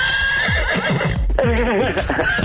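A horse whinnies loudly, its shrill, wavering neigh rising and falling for a couple of seconds, with low thudding hoof sounds underneath and no talking.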